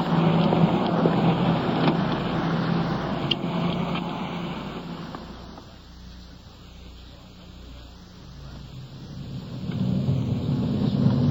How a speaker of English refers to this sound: We've been driving for better than an hour, and as the suspect in this case lives in another city some 30 miles away.